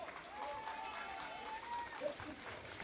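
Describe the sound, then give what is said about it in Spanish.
An audience claps steadily for a few seconds, a dense, even wash of applause, with a thin sustained whistle rising and falling above it, at the opening of a Mexican folklore performance on stage. “Fuerte el aplauso para todos ustedes y comenzamos.”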